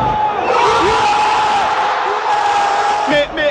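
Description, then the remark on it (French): A dense roar of Moroccan football supporters in Monterrey cheering wildly after a penalty shootout win, with shouts, whistles and high whoops rising over a continuous, loud crowd din that surges again near the end. “Puis c'est l'explosion de joie.”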